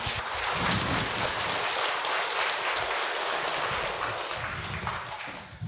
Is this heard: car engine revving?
no